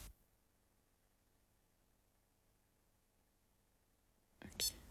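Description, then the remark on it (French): After several seconds of near silence, a short, sharp electronic beep from a stopwatch on a digital watch connected to an app chirps once near the end, distinct. “Alors, peut-être que tu veux, peut-être le réveil, un chronomètre. C'est une montre qui est connectée à une application.”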